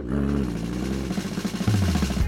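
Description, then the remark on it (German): A lawn mower's engine is started in a sunlit garden and runs loud and powerful, a steady droning whir with a rhythmic pulse that shifts in pitch as it revs up, with no voices. “Lächelnd ließ sie den Rasenmäher an und der Motor begann kraftvoll zu surren.”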